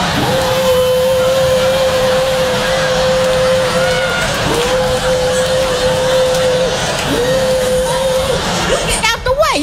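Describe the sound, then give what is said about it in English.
A leaf blower roars steadily with a loud, breathy rush and a sustained motor whine that dips briefly twice before resuming, ending with a clattering burst. “A Mexican with a leaf blower can go anywhere they want to go.”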